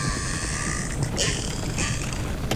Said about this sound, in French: Oh, miracle. Un bateau de tourisme. Les orques ont eu peur. Ils s'enfuient.